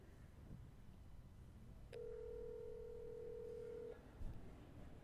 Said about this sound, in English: I get to call … on my personal cell phone, and we're going to have him join us